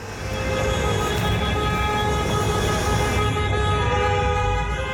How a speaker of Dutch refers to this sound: Hij krijgt ontzettend veel klachten hierover, van ronkende motoren op uitgaansavonden. En een uitgaansavond klinkt dus echt zo.